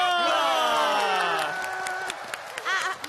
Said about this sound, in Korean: 그래, 자 모두 박수.